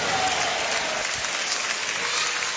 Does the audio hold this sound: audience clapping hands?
yes